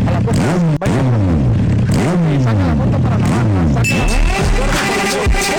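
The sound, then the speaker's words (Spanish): A new motorcycle's engine revs loudly, its pitch climbing and dropping in about five quick throttle bursts, then settling into a rougher, rattling idle with a scraping clatter. “Si ya sabemos que tenés moto nueva, hombre, anda a guardarla.”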